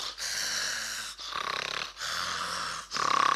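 Loud, rasping snores repeat in a steady rhythm, about four harsh breaths in quick succession with brief pauses between, clear with no talking, from a man asleep in a chair in a cinema hall.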